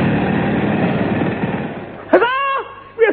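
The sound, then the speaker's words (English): A pneumatic drill hammers loudly and steadily for about two seconds, digging a hole through the floor of a crate aboard a ship, a dense mechanical rattle, then cuts off as a brief voice cries out. “Inflate this pneumatic drill.”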